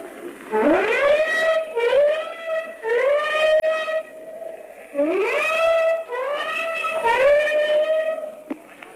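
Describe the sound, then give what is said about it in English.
A ship's warning whistles, sounded by the whole ship at night with German planes in the sky, blare in two long waves. Each blast swoops upward in pitch before holding a steady, rich tone, several overlapping one another, loud and with no talking. “The whole ship has just given its warning whistles, and now flak is coming up in the sky, and streamers from the warships behind us.”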